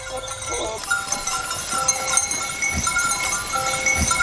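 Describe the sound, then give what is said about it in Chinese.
A herd of black goats in Xianjin Village, Zizhao Town, Liangping District, Chongqing, bleats in a continuous jumble over a bustling outdoor background, with faint ringing tones mixed in and soft thuds of movement, steady and moderately loud throughout. “重庆市梁平区子赵镇，平均海拔500米，地形以山地丘陵为主，自然资源丰富，这为发展养殖业创造了得天独厚的自然环境，使得先进村养殖黑山羊已有上百年的历史。”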